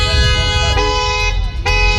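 Car horns honk over a steady low rumble of traffic, with two sharp, loud blasts cutting in close together near the middle and end. No one speaks.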